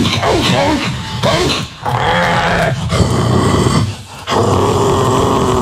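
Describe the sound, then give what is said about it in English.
A German Shepherd growls loudly in long, rough, snarling stretches, broken by two brief pauses for breath, with some gruff vocal texture throughout. “No, but he was the nasty like German Shepherd all day.”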